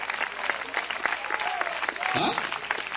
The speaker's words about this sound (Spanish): ¿Cuántos alaban al Señor en esta hora? Denle fuerte ese aplauso, ese para Él.